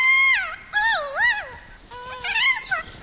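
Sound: kea warbling play call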